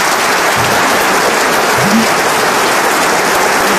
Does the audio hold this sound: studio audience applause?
yes